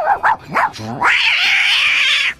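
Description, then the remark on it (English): Voice actor Frank Welker imitates a dog and cat fight from his stand-up routine: a few quick, yappy bursts give way to a long, loud, screeching cat yowl, with no talking. “The way that I got the part for Freddy, I was doing a stand-up routine, and within this routine, I did like a dog and cat fight, a lot of, you know.”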